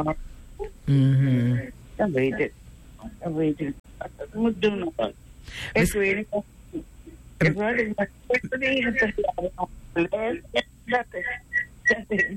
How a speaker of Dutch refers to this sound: Ik hoor die radio. Ik hoor gewoon dat die radio aan is, toch? En ik hoor een echo. Dus daardoor hoor ik een echo.